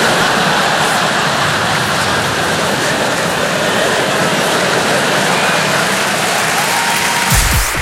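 A crowd applauds in a steady, dense wash of clapping that holds at a loud, even level for several seconds before starting to taper at the very end.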